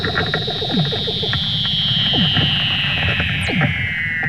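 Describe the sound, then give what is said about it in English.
Eerie underwater calls of a mother Weddell seal and her pup, from video released by the Woods Hole Oceanographic Institution: a long, high whistle slowly gliding downward, with repeated descending chirps and rapid pulsing trills layered underneath, continuous and fairly loud throughout. “The video includes otherworldly sound of their underwater calls.”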